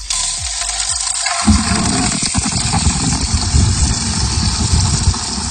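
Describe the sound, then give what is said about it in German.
Water rushes steadily into a watering can in a garden with a loud, continuous gushing hiss, deepening into a fuller, lower rumble after the first second and a half as the flow continues without pause. “Na, irgendwas sprudelt da, irgendwas Flüssiges ist das. Ich habe erstmal die Gießkannen gefüllt und bin erstmal wirklich eine halbe Stunde durch den Garten”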